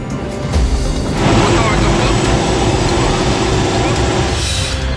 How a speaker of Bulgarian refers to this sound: В сезона на пожарите специален репортаж на борда на военния хеликоптер «Кугър».